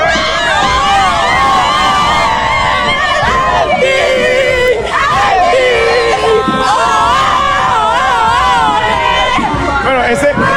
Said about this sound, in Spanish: Bueno, aquí se encendió la gente. Escuchemos un grupo de muchachas gritando. ¡Vámonos, muchachas!